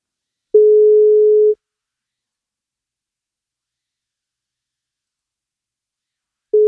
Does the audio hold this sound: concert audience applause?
no